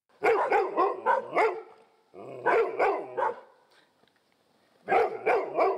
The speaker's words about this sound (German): Die Vierbeiner in Rheinbeek bekommen jetzt wohl jedes Mal ein Leckerli, wenn sie Alarm schlagen. Denn es sind Einbrecher in der Gegend unterwegs.